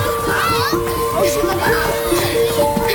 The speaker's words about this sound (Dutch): Maar het geluid van spelende kinderen wordt steeds iets zachter.